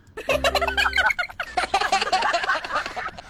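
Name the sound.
chicken clucking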